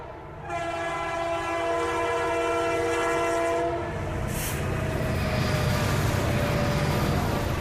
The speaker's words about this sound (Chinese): 走出关中，沿着黄河向东，始建于1904年的陇海铁路，如今已经全面电气化、高速化。黄河上的高铁，连通的不仅仅是中国的西部和中原，更是贯通欧亚的大陆桥。